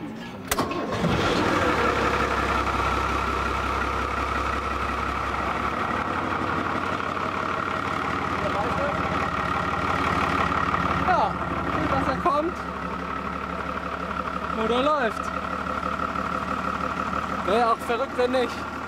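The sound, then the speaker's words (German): A forklift engine cranks and catches, then keeps running at a loud, steady idle for the rest of the time, with a rough mechanical drone and some faint voices in the background. “Alter, das ist ein Gabelstapler.”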